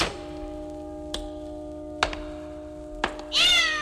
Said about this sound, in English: I stepped on my cat's tail. That's strange. I didn't see any cat. There isn't any. Just a tail.